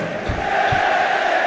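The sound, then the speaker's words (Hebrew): A dense, sustained stadium crowd roar at a football match against Maccabi Tel Aviv, as the crowd comes alive, steady and loud throughout, with a couple of brief low thumps near the start and no distinct speech. “הנה, קהל מתעורר.”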